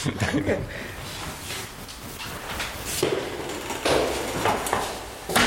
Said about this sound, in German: Danke. Das war die Tür.